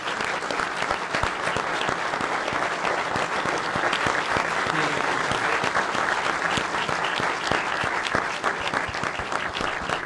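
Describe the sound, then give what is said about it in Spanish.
Sustained applause from a comedy show audience in memory of the late comedian Gaspi fills the whole ten seconds, a dense, steady wash of many hands clapping with sharp individual claps popping out, no voices rising above it. “Así que, bueno, pido un aplauso para Gaspi.”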